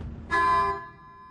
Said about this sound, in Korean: 아니, 그 자동차 그 빵빵 소리 내 들은 것 같은데 두 번 크락션이요.